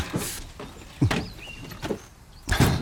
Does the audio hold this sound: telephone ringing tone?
no